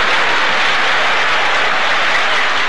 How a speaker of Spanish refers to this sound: Pasa la muleta por la cara del animal. Gira frente al toro dominándolo. El público aplaude entusiasta.